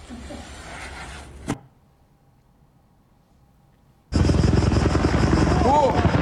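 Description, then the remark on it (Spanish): Loud, rough roaring of two firefighting helicopters in mid-air, fighting a fire west of Athens, Greece, ends in a sharp crash as they collide, then near silence for a few seconds before a harsh burst of rumbling noise erupts. “Es el momento en el que chocan en el aire 2 helicópteros antiincendios en Grecia y 2 muertos y 2 heridos participaban en la extinción de un fuego al oeste de Atenas.”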